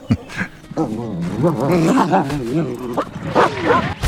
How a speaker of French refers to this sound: Un regard, une attitude, une hésitation, et il arrive à faire passer des émotions sans prononcer une seule parole, à part un ouaf de temps en temps.